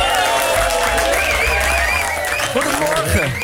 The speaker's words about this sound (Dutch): Ladies and gentlemen, ze zijn speciaal voor ons op de vroege morgen hier vanuit België. Mogen we een groot applaus voor Kloes?